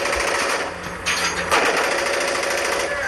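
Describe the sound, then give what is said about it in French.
A sustained, rapid rattle of automatic machine-gun fire from a phone video of Russian drones being shot down in Ukraine, loud and harsh, with the compressed, tinny quality of a phone recording and a sharp burst standing out partway through. “Alors sur leur téléphone, ces vétérans nous montrent des vidéos de drones russes abattus en Ukraine, ici ou ailleurs, par des mitrailleuses comme celle-ci.”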